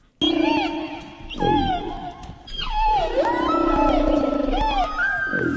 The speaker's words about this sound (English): Oh, yeah, I think it's a whale, and I think it's a humpback whale. Now, how do you know that? You're correct, by the way. I've heard a few recordings of humpback whales.